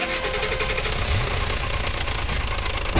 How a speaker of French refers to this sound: Et c'est quoi ce bruit? C'est le moteur de la voiture de ton papa. C'est pas gagné cette histoire, quel boucan.